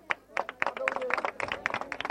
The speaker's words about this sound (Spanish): fuerte los aplausos.